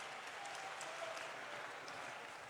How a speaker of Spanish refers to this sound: Sea el Señor glorificado. Hemos hecho un aplauso otra vez. Él es digno de alabanza y de adoración. Aleluya.